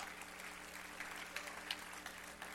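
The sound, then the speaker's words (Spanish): An audience applauding Jehovah together, a steady wash of many hands clapping at an even level with a few sharper claps standing out, continuing without a break. “Aplauda fuerte a Jehová.”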